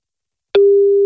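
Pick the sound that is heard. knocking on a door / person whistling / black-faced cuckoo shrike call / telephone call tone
telephone call tone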